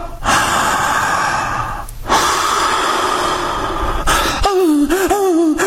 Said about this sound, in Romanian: Respirați ca o cățea, împărate! N-ați învățat să nașteți fără dureri? Respirați așa!